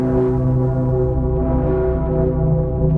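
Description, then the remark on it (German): The Dicke Pitter, the largest bell of Cologne Cathedral, rings with a deep, booming tone, its low overlapping partials humming on continuously and loudly for the whole stretch, with no voices. “Das hier ist der dicke Pitter. So nennen die Kölnerinnen und Kölner die größte Glocke im Kölner Dom.”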